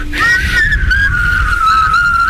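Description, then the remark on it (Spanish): People whistle a tune, a sustained, slightly wavering melody line, loud, over a steady low rumble of background noise, with no talking. “ver, siguen chiflando.”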